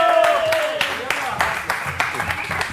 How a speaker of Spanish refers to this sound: Un aplauso para él. Va.